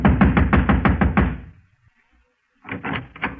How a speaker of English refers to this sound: Across the hall, the door to apartment number 4 said manager. I walked over and started knocking again.